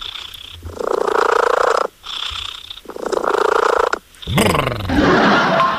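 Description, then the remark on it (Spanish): A cat purrs loudly in steady, rumbling cycles, each breath lasting about a second, ending in a rougher, noisier burst. “Como ronronea su gatito.”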